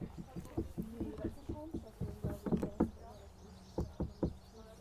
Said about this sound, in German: Hä, hey, die klatschen ja an den Stein. Die haben geklopft. Wer klopft hat? Die Leute haben an den Löwenstein geklopft.